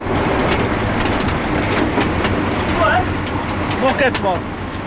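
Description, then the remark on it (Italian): A tractor engine rumbles steadily as it slowly pulls a potato harvester through a field at Rubigen, between Bern and Thun in the canton of Bern, Switzerland; the harvester clatters and rattles behind it, with a few squeaky, chirping metallic sounds near the end. “Un campo in mezzo alla campagna bernese e un trattore che traina lentamente una raccoglitrice di patate.”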